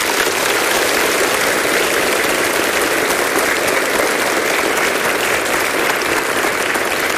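Sustained applause from an audience in praise of Slovak Radio (Slovenský rozhlas), a dense steady wash of many hands clapping at an even loudness for several seconds, with no voices standing out.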